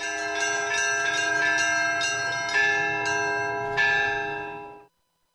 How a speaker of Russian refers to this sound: У меня вот своя мелодия. В храме в Троицком у них своя мелодия. Я подобрал свою мелодию, я вот созвучие у меня совсем другое. То есть уже этот колокольный звон, который над Болховым плывет, ни с каким другим не спутаешь? Нет, нет, нет, не свой звон.